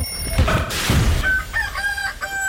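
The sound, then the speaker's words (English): A rooster crows loudly, one long, strained cock-a-doodle-doo with a raspy, harmonic rise and a drawn-out, wavering finish, with no talking over it. “Give your old rooster a break.”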